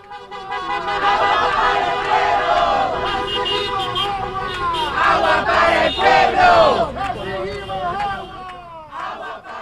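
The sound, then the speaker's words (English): A large protest crowd shouts and chants "Water for the people" in loud, overlapping voices while car horns honk repeatedly in support of the protest, steady tones sounding through the roar of the crowd throughout. “Listen to all of the cars honking in support of a protest that I went to last night where people were shouting, "Water for the people."”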